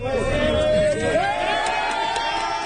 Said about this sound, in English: Those cheers as Spanish rescue teams pull a survivor from the rubble of a collapsed building in an area hit hard by Wednesday's back-to-back earthquakes.